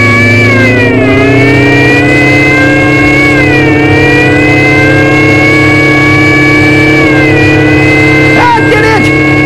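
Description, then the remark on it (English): A supercharged car engine roars loud, its whining drone holding steady with a few brief pitch dips and climbs as the supercharger and emergency speed gear are kicked in and it revs and accelerates continuously. “I'm going to kick in the supercharger and the emergency speed gear.”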